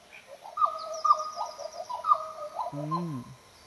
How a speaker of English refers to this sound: Now that we've got the black butcher bird.